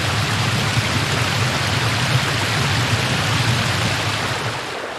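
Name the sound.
rushing river water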